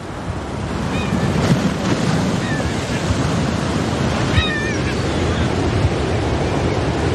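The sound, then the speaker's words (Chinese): A steady, broad roar of sea waves and gusting wind on Inishvickillane island in November fills the scene without pause, with a few short, faint bird calls piping over the surf. “每年11月，这一幕都伴随着海风与海浪在伊尼什维基兰岛上演。”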